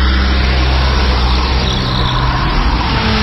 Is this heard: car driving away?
yes